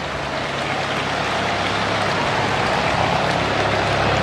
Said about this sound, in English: Chopper flying by overhead.